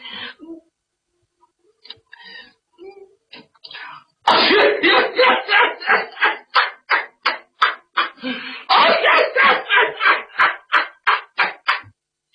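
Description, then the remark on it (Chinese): A performer imitates two men under a bed coughing from the smoke of burning wormwood and chili peppers used to smoke out mosquitoes. A few faint, stifled hacks come first, then a loud run of rapid, rhythmic coughs that keeps going for several seconds. “俩人在床底下绷不住劲了，就咳嗽起来了。”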